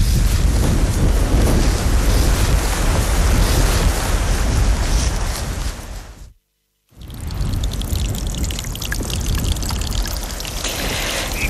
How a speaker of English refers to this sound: Oh, Killian, we've been lucky so far, but here comes the rain. I'm afraid so.